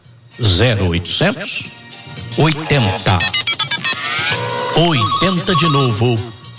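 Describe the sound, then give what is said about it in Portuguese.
A telephone rings in quick repeated bursts, its bright electronic trill cutting through lively voices that talk over and around it. “Telefone.”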